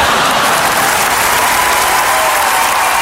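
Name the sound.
applause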